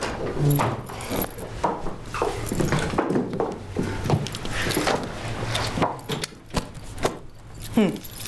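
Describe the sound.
A bunch of keys jangles as it is handed over, in repeated bright, metallic clinks and rattles across several seconds, with muffled background voices and some handling noise underneath.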